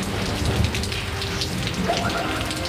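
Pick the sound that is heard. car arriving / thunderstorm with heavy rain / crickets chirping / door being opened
thunderstorm with heavy rain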